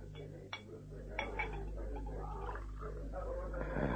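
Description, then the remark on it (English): Beer glugs and gurgles as it pours into a glass, with a few sharp clinks at the start and a steady low hum underneath throughout. “Pour that beer first.”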